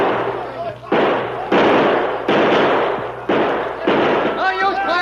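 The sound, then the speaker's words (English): A string of loud gunshots fired at attackers at the bottom of an arroyo, at uneven intervals, five or so sharp cracks, each trailing into a long, rumbling echo, with a faint voice rising at the very end. “Keep shooting anyhow.”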